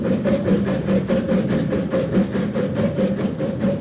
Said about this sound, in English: I closed my eyes, lulled by the motion of the train, but not the least bit sleepy.